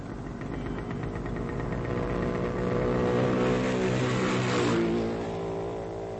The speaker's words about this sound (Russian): Сколько было мотоциклов? А я почем знаю? Штук 5. Ты должен знать. Учись замечать все. Проехало 6 мотоциклов.